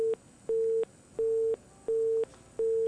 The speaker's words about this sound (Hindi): ये क्या to to to to बज रहा है आपके फोन? क्या बज रहा है, कुछ समझ नहीं आ रही, बहुत आवाज आ रही है। तो कोई दूसरा फोन चालू है या क्या हो रहा है?